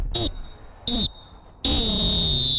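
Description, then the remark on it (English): A referee's full-time whistle sounds three times: two short, sharp blasts followed by one long, sustained blast, loud and shrill, with faint crowd murmur underneath. “But I think it's time to blow that full-time whistle.”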